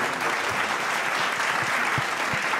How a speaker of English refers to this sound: A huge round of applause for the team of Bukhara.